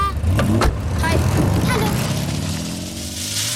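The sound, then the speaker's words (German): A big car's engine rumbles, its low hum shifting in pitch as the vehicle rolls in and slows, with a faint voice briefly audible at the start; a boy gets out of the car. “Der Junge steigt aus einem dicken Auto.”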